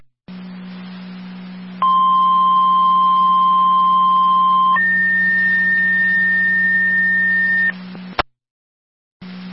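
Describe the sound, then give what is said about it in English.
Two-tone fire dispatch paging alert sent by Fire Control to Ransomville Base over a radio channel: a steady tone holds for about three seconds, then steps up to a higher tone for another three, all atop a constant low radio hum, ending in a sharp click. “Ransomville, all set on tones.”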